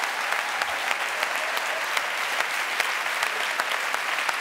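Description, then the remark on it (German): Steady crowd applause for a young man called to the front, a dense wash of many hands clapping at an even level with no voices, sustained throughout without breaks. “Gib einen Applaus für Emilio.”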